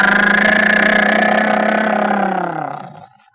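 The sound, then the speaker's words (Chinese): A car engine idles with a steady, low rumbling drone, holding evenly for about two seconds before slowing and dying away into silence as it shuts off. “汽车一停，杨雨婷、常银怀一前一后是走进老虎厅。”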